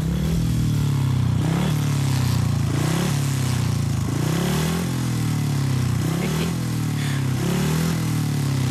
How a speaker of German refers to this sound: Und wir hören, wenn es denn jetzt klappt. Erstmal einen startenden Motor.